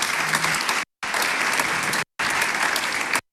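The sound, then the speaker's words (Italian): Steady audience applause welcoming a Deloitte Central Mediterranean executive to an event on women's talent, a dense crackle of many hands clapping at even loudness, broken by two abrupt silent gaps as if cut into three bursts. No voices. “La accogliamo con un grande applauso.”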